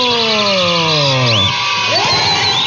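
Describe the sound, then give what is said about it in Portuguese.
A loud crowd cheers and whoops continuously, while a sliding whistle-like tone glides steadily downward over the first half before the cheering carries on alone. “Palmas pra todo mundo!”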